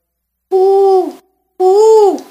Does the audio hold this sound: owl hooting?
yes